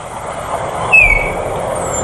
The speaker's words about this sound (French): Les étourneaux, ceux qui font tout le temps sur les voitures, quand il y en a beaucoup. Et c'est la bonne réponse. C'est un étourneau, un petit oiseau.